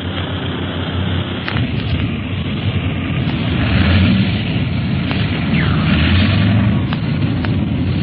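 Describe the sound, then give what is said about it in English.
A heavy, steady roar of a big airplane's engine fills the scene, with a few sharp thuds and jolts breaking through as the aircraft bumps down hard in a strong wind, making a three-point landing. “Tough landing, huh, Clint?”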